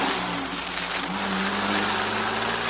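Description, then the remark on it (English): A steady taxi engine drones under a broad hiss of rain, the low hum shifting slightly in pitch as the motor runs, with no voices. “The sound of the rain, the drone of the motor, vanished somewhere in my senses.”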